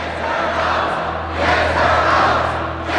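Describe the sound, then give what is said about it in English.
The audience at the 10th annual Hunger Games stands and shouts and cheers, many pumping their fists, in a dense, continuous roar that swells louder midway through, with many voices blending together and no single words standing out. “Dr. Gaul raises a hand to silence the crowd.”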